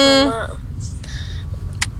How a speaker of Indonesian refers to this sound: Ini lalu lintasnya di pasar minggu biasanya macet ya. Seperti biasa kan hari-hari pagi-pagi gini,